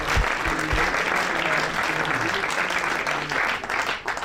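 A live audience applauds steadily, a dense wash of clapping hands that stays loud and sustained for a few seconds, with faint voices mixed into the crowd noise.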